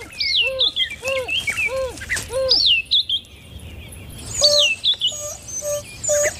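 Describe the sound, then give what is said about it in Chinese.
An African wild dog pack leader calls its pack companions from the bushland at dusk, at the end of the dry season. The calls come in bursts of high, bird-like twittering yelps, each rising and falling in pitch, repeated in quick rhythmic series with short pauses, and no talking. “是非洲野犬首领在召唤同伴。”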